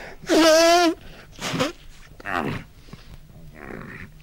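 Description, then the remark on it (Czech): A loud, honking nose blow imitated by a voice, portraying a colonel blowing his nose loudly: one long trumpeting blast followed by three shorter, fainter snorting and wheezing puffs, with no talking. “Plukovník se hlasitě vysmrkal, což bylo vždy u něho známkou velkého rozčilení,”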